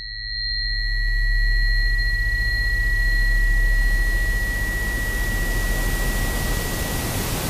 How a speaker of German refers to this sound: Rauschen ist ein permanentes Tönen, aber eben in allen Frequenzspektren zur gleichen Zeit. Und auch das erfährt man eigentlich erst, wenn man dann das Rauschen mal hörbar macht. Ich glaube, das hier dürfte das weiße Rauschen sein.